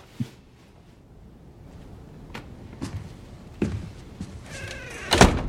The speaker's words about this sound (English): Go inside and close the door.